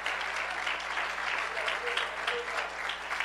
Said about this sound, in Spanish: Les saludamos con un fuerte gloria a Dios esta noche. Aleluya. Dele ese aplauso al Señor con alegría.